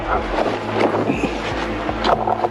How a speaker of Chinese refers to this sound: 这目前看只要躲在阴影里面还是相对安全的，就是你在这里可以听到无人机在上空盘旋，它那个马达声忽远忽近的时候就会有一种这个抑制不住的这个紧张感。